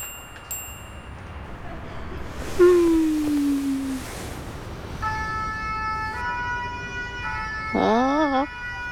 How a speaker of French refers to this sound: Oh, mais ça ne s'arrêtera donc jamais. La sirène des pompiers résonne dans la rue et dans la tête de Toudou.